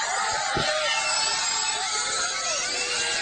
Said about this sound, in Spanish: Gritos, vítores al bicho de Portugal, que ha sido noticia.